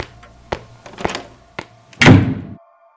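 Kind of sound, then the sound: sound effect, slap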